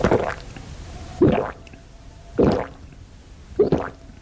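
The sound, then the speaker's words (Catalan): Four loud, wet gulps of water, drunk eagerly for hydration in hot weather, come at a steady rhythm about a second apart, each a thick swallowing squish, with no talking in between. “Sí, sí, així, amb ganes, és com hem de beure aigua aquestes setmanes en les quals, sense adonar-nos-en, se'ns evapora la hidratació corporal.”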